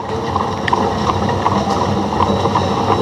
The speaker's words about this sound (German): Das war damals die Leipziger Pferdestraßenbahn, also Straßenbahn gezogen von 2 PS.